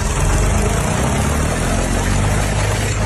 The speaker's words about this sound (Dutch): Je pakt je tractor en een ploeg.